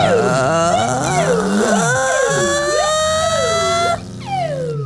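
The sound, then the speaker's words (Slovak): An ambulance siren wails loudly and steadily, its pitch sweeping up and down in repeating cycles about once a second, then briefly drops and resumes near the end. “Rýchlo, urobte záchranku.”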